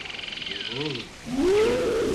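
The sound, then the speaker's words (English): A steady chorus of night insects and frogs fades as a tiger lets out a loud, drawn-out roar at night that rises and holds. “That was Tiger Mummy.”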